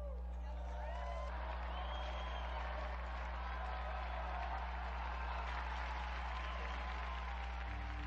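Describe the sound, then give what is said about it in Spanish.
Sustained applause from a crowd honoring Blessed Bartolomé Gutiérrez and Saint Brocardo, a dense, steady patter of many hands clapping for about eight seconds, with a few rising whoops and cheers mixed in over a low, constant hum. “Unidos, pues, a la Iglesia de México y a la Orden Carmelitana, brindemos nuestro vivo aplauso al beato Bartolomé Gutiérrez y a San Brocardo.”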